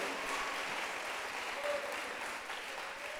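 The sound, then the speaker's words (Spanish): An audience gives a loud round of applause to the sovereign God of heaven, a dense, steady wash of clapping that holds at an even level throughout, with no individual claps standing out and no voices over it. “Démosle un fuerte aplauso al soberano Dios del cielo.”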